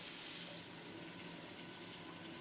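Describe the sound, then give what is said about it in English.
A steady stream of water, the water the bacalhau was cooked in, pours into a cooking pan of sautéed cornmeal. It makes a continuous, hissing splash that holds for the full couple of seconds, fairly quiet, with no voices. “We lightly sauté the cornmeal and keep adding the water we cooked the bacalhau in, little by little, until it's tender all the way through.”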